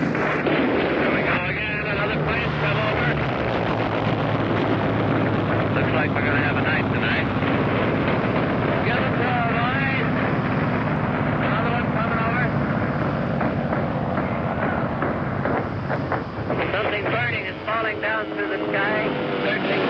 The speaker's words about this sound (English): Very heavy fire now off our stern from warships in that area. Fiery bursts.